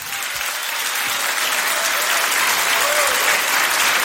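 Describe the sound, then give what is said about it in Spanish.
Steady, dense applause from a large group of people, a continuous crackle of many hands clapping at once, fairly loud and sustained for the whole stretch with no voices standing out. “Oye, algunos ni aplauden.”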